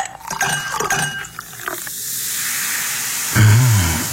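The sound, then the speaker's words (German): A fizzy drink is opened: bright glassy clinks, then a steady effervescent hiss, ending with a sudden loud, low rumbling roar. “Weil ihr es euch verdient habt, jetzt mal eine Erfrischung zum Hören.”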